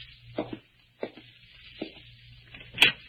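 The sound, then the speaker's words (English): A door being opened: a few soft knocks and rattling clicks at uneven intervals, ending in a sharper, brighter clack, all over a steady background hiss and low hum. No one speaks. “Well, I'd like to open my own door.”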